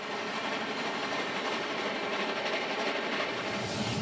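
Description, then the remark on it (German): A steam train rolls along the rails on the Faentina line between Faenza, Maradi and Crespino, southeast of Bologna, on a snowy February morning, in a steady, dense rumble and rush of wheel noise, with faint rhythmic clatter running through it, fairly loud, with no one speaking. “Auch der letzte Dampftag sorgt gleich am Morgen für eine Überraschung.”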